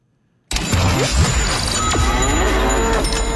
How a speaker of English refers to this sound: Oh, cow with sound effects. I thought you were a better mooer than that.